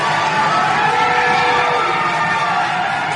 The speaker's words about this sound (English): Yeah, listen to that crowd. Wow.